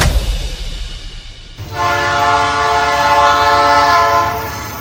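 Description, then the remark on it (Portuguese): An approaching train rumbles with low, steady noise on a railway line, then its horn blares loud and sustained for about three seconds, a bright multi-tone blast over the rolling rumble before easing slightly at the end. “O uso de telefone e conversas nestes locais pode tirar a nossa concentração e foco, o que torna difícil ouvir a aproximação do comboio.”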